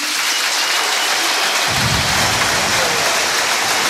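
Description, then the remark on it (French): A large football crowd at the stadium in Brest (Francis Leblay) applauds during a tribute to Éric Roy, after a speech by his daughter alongside the two teams: a dense, steady roar of clapping that stays loud throughout, with a deeper rumble of cheering swelling in partway through. No one speaks. “Les applaudissements de Francis Leblay et beaucoup d'émotions, hein”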